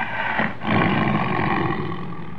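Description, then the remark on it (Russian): A lion roars in a deep, sustained rumble that swells after a brief dip and carries on steadily, loud, with no talking. “Иногда поздно ночью, когда город погружался в сон, я слышал его рев, доносившийся из-за холмов.”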